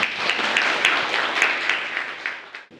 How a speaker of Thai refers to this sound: ปรบมือให้กับเพื่อนด้วยค่ะ